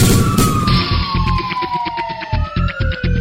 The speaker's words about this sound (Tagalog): Magnum Fire Alarm.